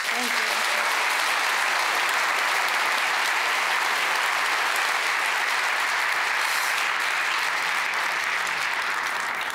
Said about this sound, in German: Einen ganz großen Applaus und auch natürlich herzlichen Glückwunsch an das gesamte Team,